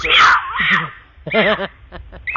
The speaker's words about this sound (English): Ouch! That's a mountain lion.